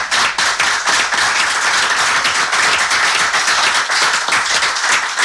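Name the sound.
audience clapping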